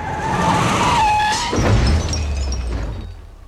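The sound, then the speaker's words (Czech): A car driving on the wrong side of the road skids with a loud, high tire screech for about a second and a half, then slams into something with a sharp crash and rattling debris, damaging its light and fender, leaving a low engine rumble that fades. “Pozor, auto!”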